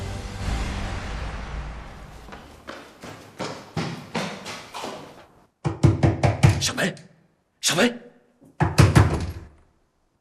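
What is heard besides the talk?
knocking on a door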